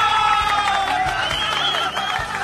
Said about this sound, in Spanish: Para ustedes, chicos, a ver, fuerte los aplausos.